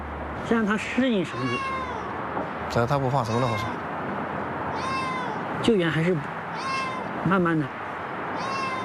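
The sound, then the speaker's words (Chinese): A cat being rescued and coaxed with a rope meows repeatedly, about five or six drawn-out, plaintive cries spaced a second or two apart, loud over a steady background hiss. “喵。喵。喵。喵。喵。喵。”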